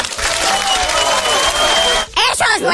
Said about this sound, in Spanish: Eso es un aplauso.